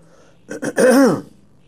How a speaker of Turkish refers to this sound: Biz öksüreceğiz. Sesimiz de kısık olacak.